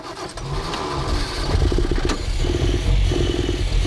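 A motorcycle engine, just after its carburetor is reattached, cranks and catches, then idles roughly and seems to choke, with an uneven, sputtering low-pitched rumble and occasional clattering pulses, fairly loud with no talking.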